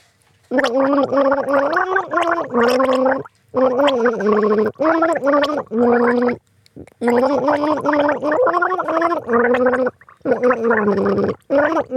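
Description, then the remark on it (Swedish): Someone gargles water while humming a recognizable tune, the pitched bubbling voice rising and falling in phrases with short pauses between, loud for about twelve seconds. “Det kan du gurgla, ….”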